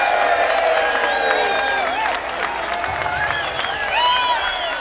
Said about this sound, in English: Hey, before we close shop here, what do you say we put our hands together and give Mr. Keith Strauss a great round of applause for putting together this fantastic event today? Come on, let's hear it.